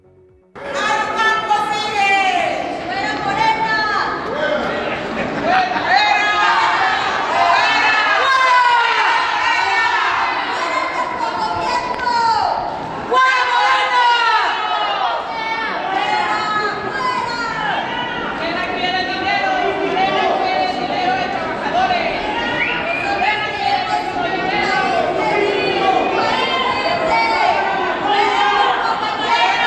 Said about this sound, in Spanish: Vamos a escuchar brevemente la manifestación.